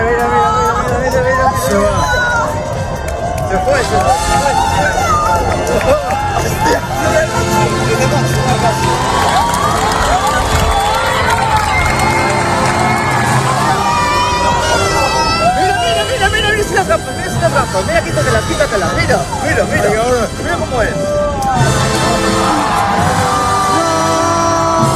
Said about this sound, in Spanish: Bueno, pues aplausos, lágrimas, el asombro de la gente ante una belleza inquietante. Escuchábamos los gritos de la gente, en este caso en la Torre de Hércules, en A Coruña, también en la playa de Salou.